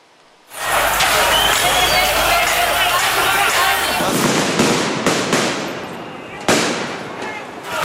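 Firecrackers thrown by groups of young people toward riot police go off amid a loud, roaring crowd on the streets of Belgrade at nightfall, several sharp bangs bursting out over the constant din of shouting and commotion.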